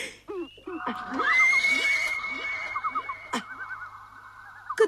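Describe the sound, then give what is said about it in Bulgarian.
A horse gives a long, wavering whinny that rises and trembles for several seconds, loud, with a few faint rhythmic hoof knocks and a couple of sharp clacks underneath. “Закопчалчицата му е златна, а стремената сребърни. Клак-клак-клак-клак!”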